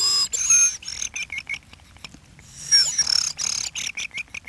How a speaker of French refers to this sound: Non, c'est des grives. C'est grives. Tout le monde ne sait pas les siffler. Il faut faire un roulement, comme moi, je ne sais pas.